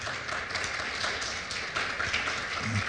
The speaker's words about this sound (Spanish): ¿Cuántos dicen gloria a Dios? Un aplauso fuerte, por favor, al Señor.